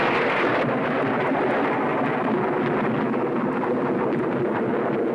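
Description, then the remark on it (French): A deep, continuous rumble of thunder rolls on without a break, loud, heavy in the low end with a dense, grainy texture and no voices. “Ouais, c'est au tonnerre que je pensais.”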